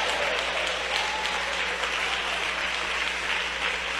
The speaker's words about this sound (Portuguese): Agora, desocupem as vossas mãos, batam palmas e glorifiquem a Jesus.